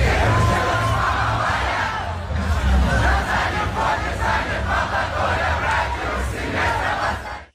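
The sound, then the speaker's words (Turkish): A huge stadium concert crowd in Istanbul roars and cheers continuously, a dense wall of voices with scattered shouts and whoops rising above the steady, loud din for the full length. “Stadyumdaki konserde coşkulu bir kalabalık vardı.”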